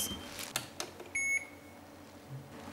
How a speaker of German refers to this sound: Gut. Das geht mein Handy.